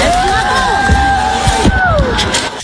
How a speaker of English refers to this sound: that's a lot of cheering, and I feel like that's adult cheering as well. That doesn't sound like that's just limited to middle school cheering.